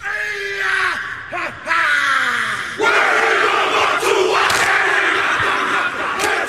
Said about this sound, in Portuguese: Você em algum momento provavelmente já ouviu ou assistiu essa dança tradicional do povo maori chamada haka. E há uma grande chance de que isso tenha ocorrido em demonstrações da seleção de rugby da Nova Zelândia.